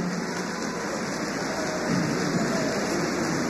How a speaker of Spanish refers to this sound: Reciben ese fuerte y cariñoso aplauso.